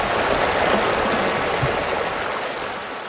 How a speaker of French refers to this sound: Oui, ça monte un peu, mais là, il est assez haut, là, je te dis. Oui, hein, ben, c'est ce que je trouvais. Je me disais, il y avait quand même pas mal d'eau pour un ruisseau. Là. Ouais. Parce que ça, en Europe, c'est un fleuve.